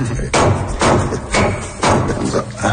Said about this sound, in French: D'abord, il faut commencer par écraser le clou de girofle. Mais doucement.